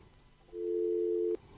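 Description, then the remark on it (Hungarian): A single steady telephone busy-signal tone sounds for just under a second, clear and fairly loud against a quiet line, then cuts off abruptly. “Nincsen telefonálunk.”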